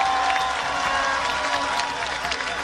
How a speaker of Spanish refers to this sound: No puedo seguir sin reconocer las palabras generosas de la doctora Paloma Valencia, una mujer patriota, aguerrida, una mujer que ha peleado por la democracia y que merece todo nuestro respeto, admiración y consideración. Un aplauso para ella.